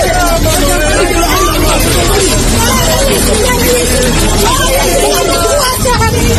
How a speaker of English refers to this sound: These people can be heard shouting moments before a building collapsed at 6 a.m. local time and 11 p.m. Irish time last night.